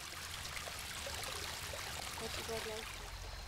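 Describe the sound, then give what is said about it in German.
Steady splashing and trickling of water from a small waterfall in a natural garden pond edged by a rubble-stone wall and marshy areas, continuous, with a faint low hum underneath. “Ein Highlight? Der Wasserfall.”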